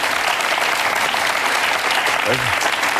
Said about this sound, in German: Das hat einen Applaus noch mal verdient, würde ich sagen.